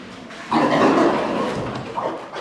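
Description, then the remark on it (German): Pigs grunting in a barn where a farmer has switched on the stable light, the pigs looking on with curly tails raised: a long, rough grunt followed by a shorter one, over a low background hum with no one speaking. “Landwirtin Gisa Langberg hat das Licht im Stall angeknipst. Jetzt schauen die Schweine sie neugierig an”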